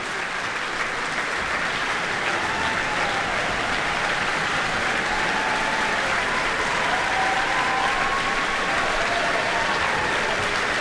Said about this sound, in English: Well, as you can tell perhaps from the applause at the Microphile Centre tonight, Romeo and Juliet hugely popular, whether it's in ballet form or through the orchestral suites.